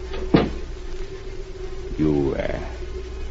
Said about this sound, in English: Close the door.